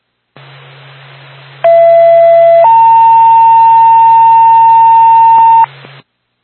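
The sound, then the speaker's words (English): A fire dispatch two-tone alert from Twin State dispatch to the Haverhill Fire Department, for a fire alarm activation call, plays over a hissing radio channel: a steady tone for about a second, then a slightly higher, loud tone held for roughly three seconds. “Twin State to Haverhill Fire Department. Stand by for tone.”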